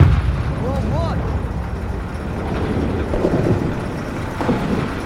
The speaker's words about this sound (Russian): что взрывается? Армию уже привели? Ну или, минное поле рядом на границе. Нет, таки городок какой-то